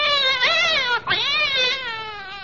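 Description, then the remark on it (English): A cat lets out a long, loud, wavering yowl as its tail is pulled, rising and dipping in pitch with a brief break in the middle before continuing, alone with no talking. “I wish you wouldn't use the cat's tail as a pipe cleaner.”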